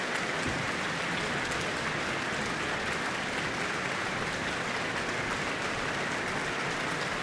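Sustained applause from a large audience for the Auckland Philharmonia and conductor Eivind Aardland after Mozart's Symphony No. 40 in G minor, a dense, steady wash of clapping at even loudness throughout, with no voices standing out.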